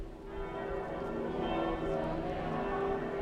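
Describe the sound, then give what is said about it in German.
Church bells peal continuously in Telgte as pilgrims arrive, their sustained overlapping tones ringing loud and full. A dense wash of resonance, singing and faint crowd ambience lies beneath. “Ja, das ist natürlich Gänsehaut jetzt hier mit dem Glockengeläut und der Gesang.”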